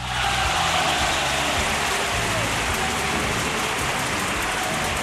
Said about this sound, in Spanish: Claro, claro, aplausos.